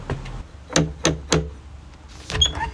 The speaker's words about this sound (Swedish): Vi knackar på.